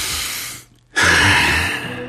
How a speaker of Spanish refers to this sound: Me encanta ese sonido de respiración en la canción justo cuando comienza lo bueno.